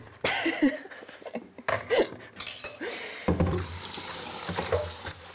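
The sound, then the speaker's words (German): A few clinks and clatters of dishes in a sink, then a kitchen tap turns on and hot water runs steadily and loudly for the last couple of seconds, used to loosen frozen food from a bucket in a bear house. “Ein wenig heißes Wasser könnte gute Dienste tun.”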